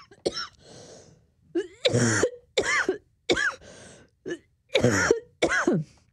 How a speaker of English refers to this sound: Excuse me a sec while I cough.